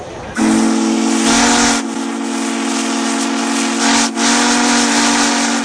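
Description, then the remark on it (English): The whistle of one of the most powerful steam locomotives ever built, at the Steamtown National Historic Site in Scranton, blows one long, loud, steady blast with a breathy hiss over its tone, holding for several seconds with a brief dip near the end. “We're going to blow the whistle.”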